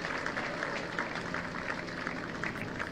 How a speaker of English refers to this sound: Hopefully he's all right. I would imagine, as you said, Murph, he's up to his feet, and the Biscuits fans applaud that.